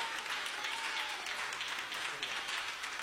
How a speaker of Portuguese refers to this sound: E a igreja diz, recebamos o servo do Senhor com palmas para o Senhor Jesus.